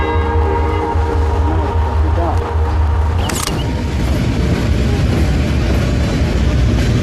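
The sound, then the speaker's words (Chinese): A departing train rumbles steadily with a loud, continuous low roar and rattling of wagons, and a brief horn-like tone cuts through midway before the heavy clatter continues. “这边这个火车走掉以后呢，90分钟以后，它将通过人字桥。”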